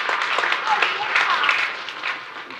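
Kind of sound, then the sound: crowd, audience applause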